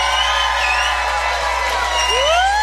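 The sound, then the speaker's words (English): An audience of people who were on the Norwegian Gem cruise to the East Coast yells and screams together at a cruise reunion in a loud, sustained roar, with high whoops and shrieks rising and sliding above the dense wash of voices throughout. “If you were on the cruise to the East Coast, the nonstop cruise on the Norwegian Gem, yell and scream right now so we know.”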